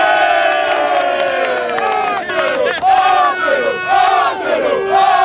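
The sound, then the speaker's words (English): A big crowd of Arsenal football supporters waving flags cheers and chants together, their massed voices loud and unbroken, with a sung chant swelling and falling in pitch throughout. “They'd lost the Champions League final to Paris Saint-Germain the previous day, but it hasn't knocked the confidence of Arsenal supporters for next season.”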